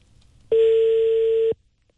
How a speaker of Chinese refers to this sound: 喂，你好，电话正在接通啊，这是留下了一个手机号。